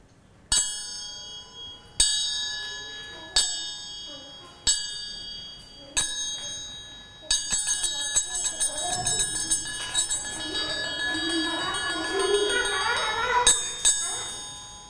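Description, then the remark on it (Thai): A bell rings as a signal in a children's class activity, in a steady series of single strikes, each tone ringing out, then speeds into rapid continuous ringing while faint voices murmur underneath, ending with a couple more strikes. “ให้คุณครูปลายทางค่ะให้คำสั่งกับเด็กๆนะคะเมื่อจบเสียงสัญญาณหยุดค่ะ”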